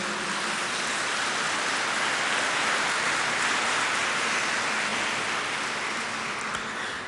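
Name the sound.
audience applauding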